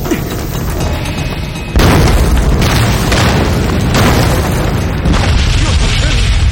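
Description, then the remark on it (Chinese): A grenade explosion inside a cave, grenades carried on people's bodies set off by fire, hits suddenly and loudly, followed by a sustained, reverberant roar with several more heavy booms rolling through over the next few seconds. “司令，洞里有爆炸声。 肯定是火焰把他们身上的手榴弹引爆了。”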